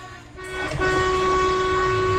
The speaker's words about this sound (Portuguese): Ó, povo buzinando, fazendo festa com a gente.